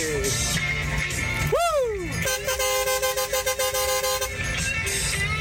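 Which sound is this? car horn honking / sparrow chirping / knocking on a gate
car horn honking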